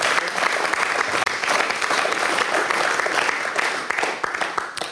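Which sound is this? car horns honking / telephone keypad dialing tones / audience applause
audience applause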